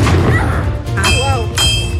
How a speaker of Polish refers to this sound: I słyszymy te wystrzały. Słyszymy wystrzały, armaty co chwilę, musztra.